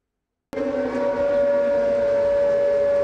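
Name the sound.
air raid warning siren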